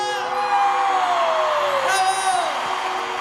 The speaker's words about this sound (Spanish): ¡Otro aplauso